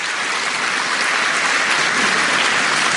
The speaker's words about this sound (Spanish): O sea, hay catequistas aquí. Oye, qué bien. Aplauso para los catequistas.